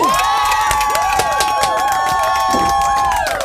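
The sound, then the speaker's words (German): Loud, sustained applause and cheering from a crowd for a quiz winner, dense clapping mixed with shouts and high whistles, filling the whole stretch without a break. “Applaus, Applaus, mein Lieber!”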